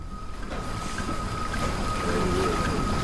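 A boat jammed with passengers bound for Goa, India, moving across open water: a steady, fairly loud rumble with a constant engine hum and a broad wash of water and wind, unbroken throughout and with no talking.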